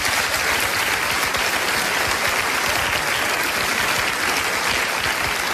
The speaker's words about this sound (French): Ah, vous pouvez applaudir, ça marche.